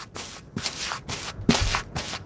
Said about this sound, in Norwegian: Det dere hører lyden av her er maling eller beising mot en brun vegg.